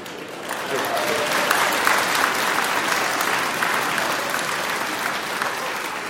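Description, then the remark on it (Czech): A sustained burst of audience applause, dense and steady clapping from a sizable crowd filling the whole stretch at a fairly loud, even level, with no voices standing out. “Jsem vám vletěl do potlesku, promiňte, ne?”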